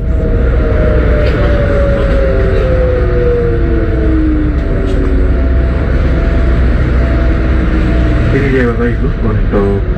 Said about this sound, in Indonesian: Pendengar, suara deru pelan bus listrik wisata membelah jalan-jalan utama kota Semarang pagi itu.